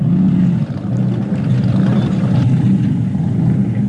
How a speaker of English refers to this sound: That's running a 454 Chevy, hence the sound. It's a serious beast, that one. Lovely sound, move quickly, lovely to pilot.